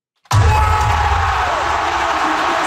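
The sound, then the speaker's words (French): A huge crowd at Scotiabank Arena in Toronto bursts into cheering after a moment of silence, a loud, dense roar of shouts and whoops that holds steady without letting up. It celebrates RJ Barrett's three-point shot at the end of game 6 between the Raptors and the Cavaliers. “Explosion de joie à l'Arena Bank Scotia.”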